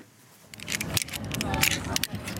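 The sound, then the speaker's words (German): Metallic clicks and jangling of carabiners clipping and clinking repeat irregularly over a busy background of murmuring voices and outdoor bustle, as men and women tie figure-eight knots at an outdoor climbing wall on a sports complex in Holon, south of Tel Aviv. “Karabiner klicken, Männer und Frauen knüpfen Achterknoten.”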